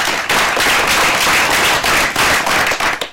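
An audience breaks into loud, sustained applause, a dense crackling wash of many hands clapping that holds steady for a few seconds without any voices over it.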